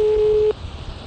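A telephone line ringing tone while calling a landline: one steady, pure electronic beep that holds for about half a second, then cuts off, leaving faint low background noise and no talking.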